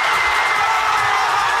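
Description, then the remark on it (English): A large stadium crowd of soccer fans in Mexico City cheers and roars continuously as Mexico shuts out Ecuador 2-0 in the World Cup, a dense, steady wall of voices with no pauses, filling the whole short stretch. “Fans in Mexico City had a lot to cheer about as their team shut out Ecuador 2-0 to advance to the round of 16 in the World Cup.”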